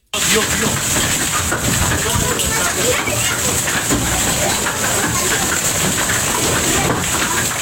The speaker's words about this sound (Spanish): Así sonaba ayer la tormenta que sorprendió al norte de la provincia de Almería. En torno a las 7:30 de la tarde, una intensa granizada descargó sobre La Jauca en el entorno de El Ijate, dejando piedras de hielo de gran tamaño,